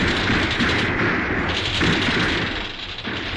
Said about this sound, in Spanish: Entre el fuego nutrido de las metralletas, Calimán escapa llevando en brazos al pequeño Solín. Las balas silban a su alrededor, estrellándose en las rocas.